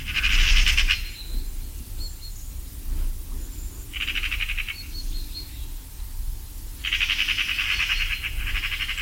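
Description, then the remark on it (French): A Eurasian magpie gives harsh, rapid chattering rattles in three bursts: a short one at the start, another midway and a longer run at the end, over a low rumbling background. “La pie bavarde elle-même, qu'on entend ici facilement, qui est un oiseau comme le geai omnivore, qui peut manger aussi bien des graines que des cadavres, que des petits oiseaux ou des œufs d'autres oiseaux.”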